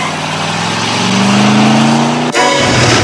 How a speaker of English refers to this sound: steps out from behind a pillar and watches Kaneki pull out of his spot and peel off.